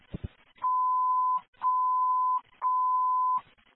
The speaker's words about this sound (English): Again, this alarm is going to continue to go off, and we can't stop it.